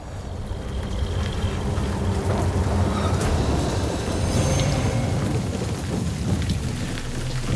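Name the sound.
pouring rain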